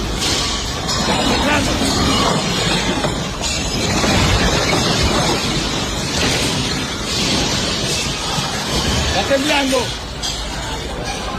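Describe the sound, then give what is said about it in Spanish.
A wall of the Simón Bolívar International Airport in Maiquetía collapses during an earthquake in a sustained, loud crashing roar of falling debris that rumbles on steadily for about eleven seconds, with agitated voices mixed into the din. “Otro sonido impresionante es este del colapso de un muro del Aeropuerto Internacional Simón Bolívar de Maiquetía, el más importante del país, que ha sufrido daños estructurales y, por supuesto, ha suspendido toda su actividad.”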